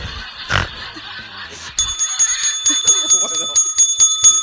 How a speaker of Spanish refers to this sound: Qué espectáculo. Tenemos tres patos, boludo.